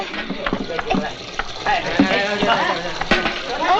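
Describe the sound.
Tap water runs steadily into a bucket, a continuous hissing splash close by, while several people talk over it.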